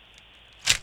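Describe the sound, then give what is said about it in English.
A single short metallic click and scrape of a key turning in the lock of a treasure chest, fairly crisp, following a near-silent pause with no one speaking. “The key in the lock.”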